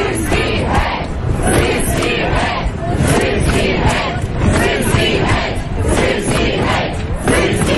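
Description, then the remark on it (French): A large street protest crowd chants and shouts in unison in Ukrainian, a loud, dense wall of voices with a rhythmic, repeated slogan, 'Syrskyi out', pushing President Zelensky to part with General Syrskyi, commander-in-chief, pulsing throughout, no single speaker standing out. “Et puis tout récemment, bien sûr, les protestations de la rue pour pousser le président Zelensky à se séparer du général Sirski, commandant en chef des armées.”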